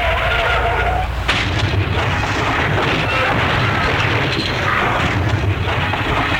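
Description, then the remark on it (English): A loud, continuous roar of a car skidding and crashing, with a sharp impact near the start and dense rumbling debris noise sustained throughout, chaotic, with no talking. “Well, do you think I should offer him a bumper sticker for what's left of his car?”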